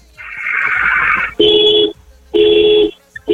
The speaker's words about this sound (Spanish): Regálame, por favor, 5 bocinazos medianos ahora.